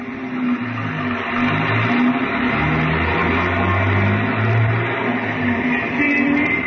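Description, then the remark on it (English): A big car's engine runs loudly, its low hum rising and falling as it revs and pulls away from a garage onto the airport road, steady throughout with a broad road rumble underneath. “We started for a big car in the corner.”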